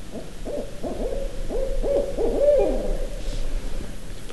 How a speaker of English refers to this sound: You know, I heard it just land in that eastern hemlock. And so it's kind of been keeping an eye on us. And finally started to talk. And it's not going to stop because it thinks there's another owl here.